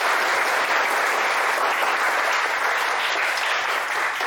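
A group claps steadily and loudly for several seconds, a dense, even patter of many hands with no voices over it, like a class applauding a guest.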